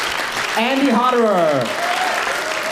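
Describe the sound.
Audience applause, a dense, steady clatter of many hands clapping throughout, with a single voice briefly calling or cheering over it in the middle.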